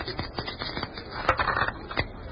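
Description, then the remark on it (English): A quick series of small hard clicks and clatters as a pair of dice is thrown, tumbling across a surface and rattling to a stop on 5 and 3, fairly quiet, with no voices. “It is not nice for a doll to be carrying dice. Look, what do you want me to throw?”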